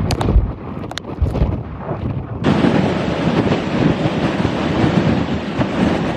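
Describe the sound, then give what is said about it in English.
Powerful wind of Hurricane Isaias at landfall in Destin, Florida, roars and buffets, with low rumbling blasts at first before a sudden, sustained loud gust surges in and keeps howling steadily to the end. “It's like you'll have moments of a punch of wind, and then it'll stop, and then we get another punch of it.”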